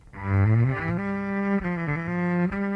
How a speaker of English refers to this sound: So this is the natural sound of the cello.